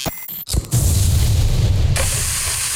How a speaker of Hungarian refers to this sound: Hallod? Ez a hang, amikor a jó hús találkozik a forró grillel. Szaftos angusz, olvadó sajt, friss buci.